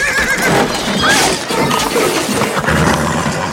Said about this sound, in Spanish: El caballo se encabrita haciendo que el soldado pierda el ronzal. El animal salta sobre puestos y tenderetes de la plaza derribándolos.